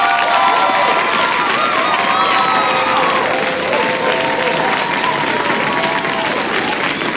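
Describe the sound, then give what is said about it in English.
A dense, steady round of applause from a crowd fills the whole stretch, loud, with some faint cheering mixed into the clapping. “So a big round of applause, if you will.”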